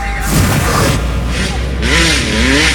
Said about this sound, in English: To the dirt bikes revving in the streets.